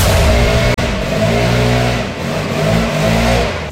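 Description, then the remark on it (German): A loud leaf blower drones steadily outside, in front of a front door in Germany, its engine a dense, buzzing roar with layered harmonic whine that wavers slightly in pitch, cut by one brief dropout early on. “Hier wird das Haus gestemmt und jetzt auch noch der lauteste Laubbläser Deutschlands vor meiner Haustür.”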